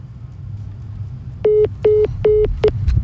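A phone call with a caller during a talk about Muhammed Salah cuts off, followed by four short, evenly spaced beeps of a steady tone over a low background hum, with a fainter fifth blip at the end.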